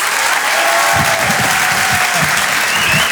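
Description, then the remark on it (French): Loud, sustained applause from a large audience at the Open du Rire comedy evening, welcoming comedian Haroun, a dense wash of clapping filling the whole clip without pause, with faint crowd murmur underneath. “Je vous demande donc de l'applaudir très très très fort, s'il vous plaît.”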